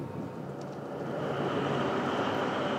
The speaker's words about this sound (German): Am Umschlagplatz des Tanklagers warten 20 Waggons mit Treibstoff. Hier ist die Strecke nicht elektrifiziert, deshalb ist Roland mit seiner Diesellok hier.